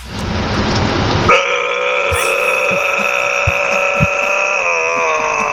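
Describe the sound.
A man imitates a growl: a short rough, noisy rasp that turns into a loud, sustained droning tone rich in overtones, held steadily for about four seconds.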